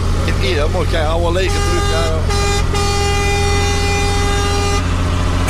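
A truck's air horn, a big pipe mounted behind the cab, blares in one long, steady blast lasting a few seconds over a low engine rumble, preceded by brief wavering vocal sounds.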